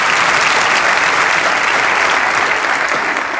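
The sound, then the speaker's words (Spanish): Sustained applause from an audience, a dense, steady wash of clapping that stays loud and even throughout with no voices standing out. “Vamos, dale ese aplauso.”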